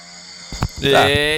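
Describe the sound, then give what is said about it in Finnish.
One loud, rasping snore in a bedroom, a rough buzzing inhale that swells and holds for about half a second, preceded by a short muffled rustle. “Tää on feikki. Ei oo. En mä kuorsaa.”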